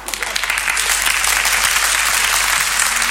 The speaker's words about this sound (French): Et puis, quand ça a été fini, je suis revenu une dernière fois sous les applaudissements du public.